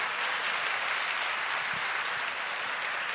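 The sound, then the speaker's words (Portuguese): An audience breaks into sustained, steady applause for Our Lord, a dense wash of many hands clapping at an even loudness throughout, with no voices standing out. “Quem crê pode aplaudir Nosso Senhor que nos dá essa graça.”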